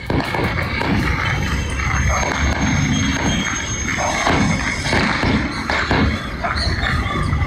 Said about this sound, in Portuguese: O áudio é impressionante, Agatha, de rajada ali, de disparos